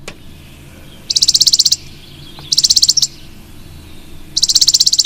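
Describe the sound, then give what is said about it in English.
A chipping sparrow sings three short, rapid, dry trills, each a quick string of high notes lasting under a second, clear over a faint low background rumble. “So that is the chipping sparrow.”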